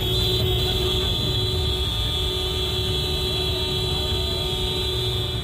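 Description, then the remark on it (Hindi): Many vehicle horns sound at once in a mass honking protest against Madhya Pradesh Chief Minister Mohan Yadav in Singrauli, where roads were blocked for his convoy in scorching heat: a dense, continuous blare merging into one loud, steady, buzzing drone with a piercing high tone that holds without pause. “सामूहिक रूप से हॉर्न बजाकर यह मध्य प्रदेश के मुख्यमंत्री मोहन यादव के खिलाफ प्रदर्शन है।”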